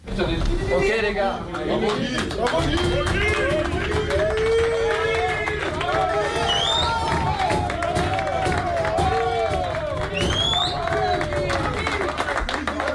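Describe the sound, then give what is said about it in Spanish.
France's national football team players clap steadily and energetically in their dressing room for assistant coach Guy Stéphane after a 4-1 win over Norway, dense overlapping applause mixed with shouts, cheers and lively chatter from many voices throughout. “Pues son los aplausos para Guy Stéphane en el vestuario.”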